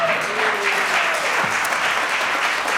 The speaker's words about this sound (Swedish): Jag kan stå och tala om varför publiken applåderar, för att klockan står på noll